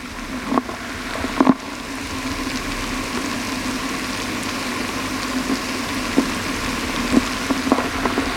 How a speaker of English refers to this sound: I place a hydrophone and my mother's dentures in a glass of water, drop in a Sterident tablet and listen.